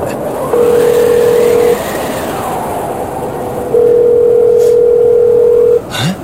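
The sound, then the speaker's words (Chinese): A phone ringback tone from a call placed to the caller's master sounds twice, each a long, steady electronic beep with a pause between, over a constant rumble of background noise. Nobody picks up and no one speaks. “给师父打个电话。”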